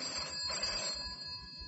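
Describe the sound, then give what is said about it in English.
An office telephone rings with a steady electronic trill, its bright tone clear against a faint low rumble, with no one speaking. “Phone in my office.”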